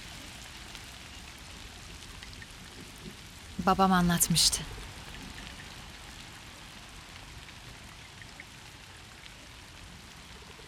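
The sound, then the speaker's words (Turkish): Steady cold rain falls throughout, a soft, even hiss that never lets up. Midway, a voice speaks briefly over it before the rain continues alone. “Yağmur düşündüğümden soğukmuş.”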